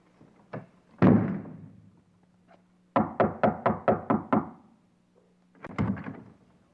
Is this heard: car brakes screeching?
no